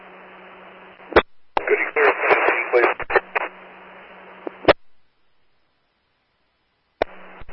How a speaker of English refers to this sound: There was a lot of static.